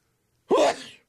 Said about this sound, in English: Pardon me while I sneeze. Just came on me there. Couldn't do anything about it. Can't stop it. Got to let it go.